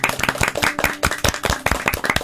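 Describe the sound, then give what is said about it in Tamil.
A group claps their hands for the female students of MOP Vaishnav College in a steady burst of applause, with many sharp, overlapping claps forming a loud, continuous rhythmic patter and no voices. “இவ்வளவு அருமையா நம்ம கிட்ட நிறைய கருத்துகளையும் நினைவுகளையும் பகிர்ந்துகிட்ட எம்ஓபி வைஷ்ணவ் காலேஜ் மாணவிகளுக்கு ஒரு பெரிய கைத்தட்டியும் பாராட்டியும் தெரிவிச்சுக்கலாம்.”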